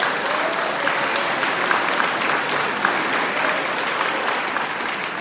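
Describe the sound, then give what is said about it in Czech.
Sustained audience applause, a dense steady patter of many hands clapping at an even loudness for several seconds, with no voices standing out above it. “Ten nechodil málo do školy, jak vám tleská.”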